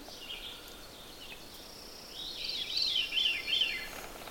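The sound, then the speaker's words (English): A veery, a thrush, sings a breathy, fluting song of looping, swirling notes that spiral downward in pitch, winding down the scale, growing fuller toward the end, in quiet woods. “You can remember this by thinking about the bird's name, V. The V points down as a letter, and the song goes down, kind of winds down the scale.”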